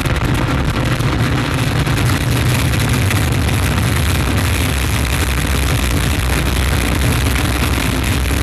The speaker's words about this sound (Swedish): 8, 7, 6, 5, 4, 3, 2, unité, top, allumage Vulcain. Allumage confirmé. Top, allumage EAP, décollage.